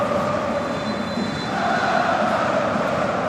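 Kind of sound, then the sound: crowd, stadium crowd cheering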